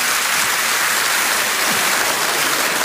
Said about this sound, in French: Je voudrais qu'on applaudisse très fort.